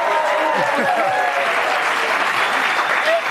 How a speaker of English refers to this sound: She deserves a bigger applause for that. I'm sorry.